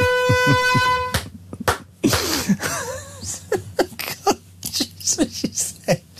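One sharp sneeze bursts out after a brief steady horn-like tone, followed by some breathy vocal noises and short bits of voice.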